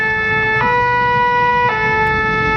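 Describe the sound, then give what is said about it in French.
A fire engine's two-tone siren blares loud, switching pitch twice in a steady alternating wail over a low rumble of road noise, with no one speaking. “Je vous emmène à bord d'un camion de pompiers.”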